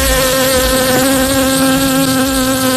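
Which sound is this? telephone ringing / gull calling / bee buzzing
bee buzzing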